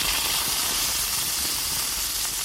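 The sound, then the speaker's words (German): Steak sizzles steadily on a grill grate, a dense, continuous hiss with faint crackles running throughout at an even, fairly loud level, with no voices. “Das Steak zischt auf dem Rost, der Grillduft liegt in der Luft.”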